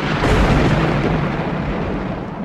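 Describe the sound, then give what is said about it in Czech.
A loud, deep rumble of thunder rolls on steadily for a couple of seconds, heavy in the low end and slowly easing off, with no voices. “V té chvíli z čistého nebe zařnilo a nad nimi stál pán a vládce hor Krakonoš.”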